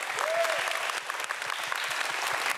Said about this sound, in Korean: 으뜸 연희상의 주인공은 바로 200팀입니다. 여러분 큰 박수 한번 부탁드리겠습니다.